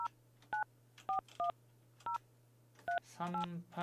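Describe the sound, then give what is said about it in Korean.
Telephone keypad dialing tones as a call is placed again after going unanswered: a series of short, clear two-tone beeps at uneven intervals, ending in a quicker burst of several tones, over a faint steady low hum. “전화 안 받으시네. 자, 다시 한번.”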